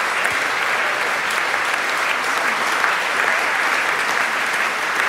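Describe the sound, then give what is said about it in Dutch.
Sustained, loud applause from a large audience, live in the Carolus Borromeus Church in Antwerp, after a Monteverdi concert by Vox Luminis led by Lionel Meunier, with all the singers together on stage; a dense steady wash of clapping that holds at an even level for several seconds without voices rising above it. “En nu staat iedereen weer gezamenlijk op het podium om, ja, nog even met z'n allen dat applaus, dat enorme applaus in ontvangst te nemen.”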